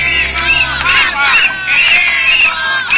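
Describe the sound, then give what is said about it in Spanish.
A crowd shouts together at a community protest over water and sanitation problems in the upper part of Calle Lara, many raised voices overlapping in rising and falling waves of chanting and yelling, loud and continuous throughout. “Vamos a escuchar parte de lo que ocurrió hace pocos instantes en la parte alta de la calle Lara con respecto a esta protesta comunitaria.”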